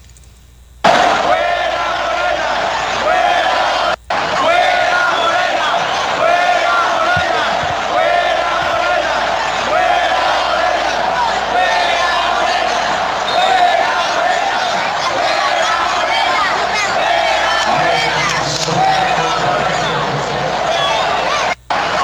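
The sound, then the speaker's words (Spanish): A huge stadium crowd chants "fuera Morena" against the Morena political party, a loud, sustained roar of massed voices with rhythmic rising and falling swells, briefly cut off twice before carrying on. The stadium sound system tries to silence it, and "Calderón" is also heard. “Preguntan que si hubo grito de fuera Morena en el estadio. Sí, sí hubo grito.”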